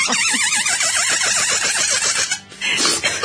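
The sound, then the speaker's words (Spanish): A squeaky rubber chicken toy, taken from a doctor's briefcase, squeezed repeatedly during a live broadcast, giving a loud, shrill, warbling squawk that wavers rapidly in pitch, with one brief drop before it resumes. “Estaba haciendo la gallinita.”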